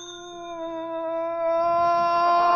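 doorbell ringing

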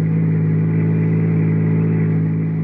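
car engine driving

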